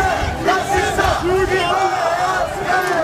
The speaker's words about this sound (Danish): Her kan man høre, hvordan der bliver råbt af de demonstranter, der kalder sig det danske folk. De har afholdt en march mod det, arrangørerne kalder islamisering af Danmark.